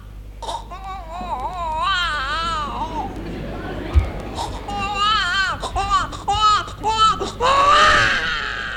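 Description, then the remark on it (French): A person imitates the crying of a newborn one or two months old, with a string of wavering, high-pitched wails that rise and fall, fairly loud, ending in a strained squeal. “par exemple, de nous faire la voix, de nous imiter la voix d'un tout petit enfant, un nouveau-né?”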